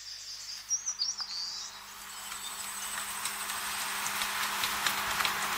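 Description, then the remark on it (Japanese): A quick run of thin, high-pitched calls from a parent seabird and its chick chirps for about a second, as the returning parent feeds the hungry chick squid and small fish stored in its stomach, then gives way to a steady, slowly swelling hiss of wind or surf, with no voices. “ヒナとの再会を喜びながら、胃の中に蓄えたイカや小魚をお腹を空かせた我が子に与えます。そして親鳥はまた海へ。”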